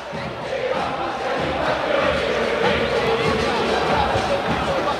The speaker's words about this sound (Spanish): La gente grita en las tribunas de la Bombonera, del Templo Porteño. Oigan.